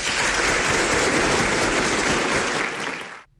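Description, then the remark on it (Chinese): An audience applauds with dense, steady clapping that stays loud for about three seconds, then cuts off abruptly, welcoming a singer about to perform. No one speaks. “好嘞，好嘞，听您唱，我们来欣赏，鼓掌啊！”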